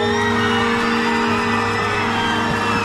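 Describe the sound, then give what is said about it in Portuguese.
A loud, continuous roar of crowd cheering and applause for a singer appearing live on stage, holding at a steady level throughout, with a constant low hum running underneath. “Uma salva de palmas para …!”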